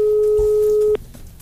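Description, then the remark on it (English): A steady, clear phone line tone as a listener's call connects to Wazobia FM radio hums at one pitch for about a second, then cuts off abruptly, leaving only faint background noise. “Make I still pick one phone line before I go come up for here.”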